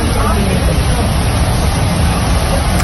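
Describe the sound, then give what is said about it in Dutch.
Strong wind and rain in a short video of stormy weather roar steadily and loudly throughout, a dense hiss over deep buffeting rumbles, with no pauses or clear individual drops standing out. “Het waait keihard en het echt alsof het uit de regen komt, weet je wel?”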